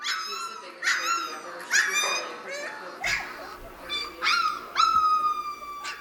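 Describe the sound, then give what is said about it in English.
A puppy whimpers and yips in a run of short, high-pitched cries with a few small barks mixed in, repeating steadily over several seconds. “Oh, I love the little puppy sounds there.”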